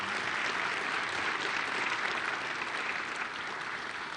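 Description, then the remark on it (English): Sustained applause from an audience for educators fills the space, a dense, steady wash of many hands clapping at once that holds its level and only starts to thin slightly near the end. “And yeah, give all of our educators a big round of applause for what they do.”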